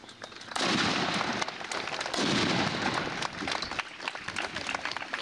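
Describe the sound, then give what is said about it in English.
Two loud ceremonial cannon blasts boom outdoors about a second and a half apart, opening Thayer County's annual Memorial Day celebration in southeast Nebraska in heavy wind, each rolling off in a long rumble, with steady crackling noise like scattered clapping or wind running underneath. “With American flags billowing in the heavy wind, Thayer County's annual Memorial Day celebration began with a literal bang”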